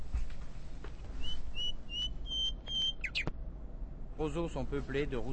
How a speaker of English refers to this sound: I felt like my birds were just petering out over there, so I had to, like, give them some adrenaline.